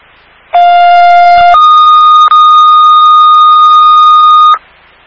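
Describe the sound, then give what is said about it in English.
A Hamden Fire dispatch tone, toned out for a motor vehicle crash with injuries and entrapment at Allen and Circle View: a steady electronic tone that jumps to a higher pitch after about a second, then holds loud and unbroken for roughly three seconds, with no voices. “Stay by for the fire tone.”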